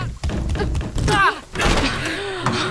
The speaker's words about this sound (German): Na, die Tür geht nicht auf. Dann drück fester, die war letztes Mal auch offen. Ich drück ja schon.